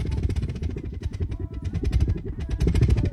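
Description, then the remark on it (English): Burning rubbing alcohol vapor roars steadily and loudly like a small engine, a deep rumbling drone with rapid sputtering pulses that holds for the full few seconds. “Oh, that's why they're calling it an engine. Does it make an engine noise?”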